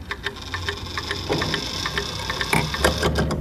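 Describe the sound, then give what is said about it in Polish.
A mechanical striking clock, just set going, ticks in a steady, even rhythm, its sharp little clicks standing out over a low background rumble, with no one speaking. “Zaczął tykać nawet.”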